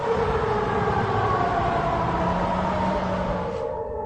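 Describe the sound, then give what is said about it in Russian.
A loud air raid warning siren wails steadily in Perm, Russia, during a Ukrainian drone attack on Perm Krai, with sustained droning tones filling the air continuously over a broad noisy background, with no voices present. “Жители Перми снимают дым от пожаров и жалуются на сирену воздушной тревоги.”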